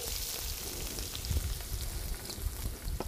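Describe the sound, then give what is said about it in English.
A steady, dense crackling hiss of food added to already hot oil, sizzling right away, with scattered sharper pops and a low rumble underneath, continuous throughout without any voices. “It's already hot. It'll be sizzle right off the bat.”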